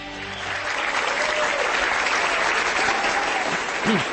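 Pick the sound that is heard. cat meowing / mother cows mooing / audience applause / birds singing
audience applause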